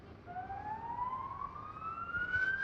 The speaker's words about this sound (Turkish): Sirenleri duyuyorum. Sürekli bir yerlerden siren sesi geliyor. AFAD araçları yol gösteriyorlar gelecek olan itfaiye araçlarına.